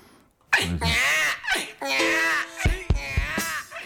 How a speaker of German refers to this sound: Jetzt möchte ich noch gerne ein Babygeschrei